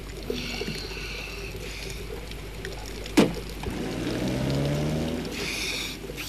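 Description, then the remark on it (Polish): A taxi drives up on a wet street just after rain has almost stopped, tires hissing through water as its engine hum grows louder, with a sharp splash partway through. “Ależ taksówka.”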